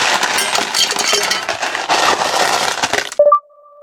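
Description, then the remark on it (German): A dense, rattling crackle of ice cubes tumbling into a glass for about three seconds, ending in a bright clink whose clear ring hangs on briefly after the rattle stops. “Ich sag nur Holy Aperoli und hol schon mal die Eiswürfel.”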